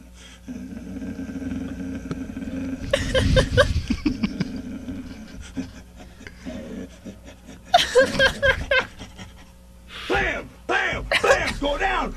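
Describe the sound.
A man's voice imitates a dog with gruff barks, growls and panting in several loud bursts, separated by brief quieter stretches over a low steady hum, played from an archive recording on the radio.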